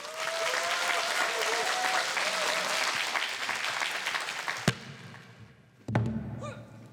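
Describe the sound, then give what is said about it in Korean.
Dense audience applause welcoming a stage performance by two performers fills the first few seconds, steady and loud, then fades out, followed by a couple of sharp thuds and low rumbling movement. “두 출연자의 멋진 무대 여러분들 뜨거운 박수로 맞이하도록 하겠습니다.”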